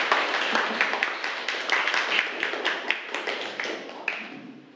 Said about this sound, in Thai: ปรบมือให้กลุ่ม3หน่อยค่ะลูก